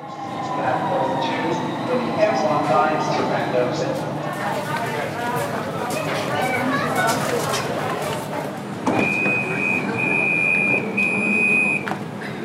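A metro train full of people with rolling suitcases rumbles steadily through an underground tunnel on a sunny Thursday afternoon, with a continuous low roar and rattling wheel noise, then a sustained high electronic tone sounds near the end, like a door warning signal.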